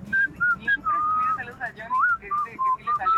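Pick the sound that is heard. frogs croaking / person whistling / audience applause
person whistling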